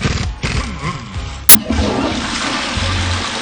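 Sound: toilet flushing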